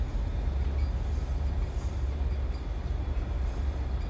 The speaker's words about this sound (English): The train streaks through the countryside.